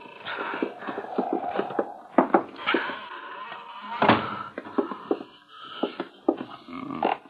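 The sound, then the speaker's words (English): An old, cobweb-covered wooden door that has not been opened for a long time creaks open slowly, a drawn-out groan broken by sharp clicks and pops over several seconds, fairly loud, with no talking. “Ain't nobody open that door for a spell.”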